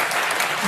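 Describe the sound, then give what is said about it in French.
An audience claps in a steady, dense burst of applause, a bright crackling wash that holds at an even, fairly loud level throughout, with no voices over it. “Et ils applaudissent”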